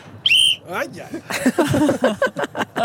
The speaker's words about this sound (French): Je vais prendre mon sifflet. Je sens que je vais prendre mon sifflet.